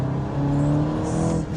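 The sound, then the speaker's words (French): A 2022 car's engine drones steadily with a low humming tone that edges upward as it accelerates, fairly loud, with no voices over it; the engine sound is joined by active sound from the car's speakers. “Il y a un petit son moteur qui vient du moteur quand même.”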